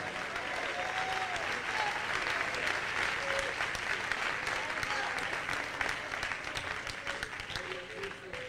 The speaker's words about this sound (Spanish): Dale palmas al Rey en esta noche.